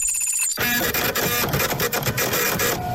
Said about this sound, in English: So the link here, a little note that's been printed out by the randomizer.